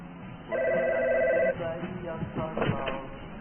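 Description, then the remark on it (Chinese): A landline telephone rings in a single loud, steady electronic burst lasting about a second, then stops as people begin talking. “要不想把电话线拔了。”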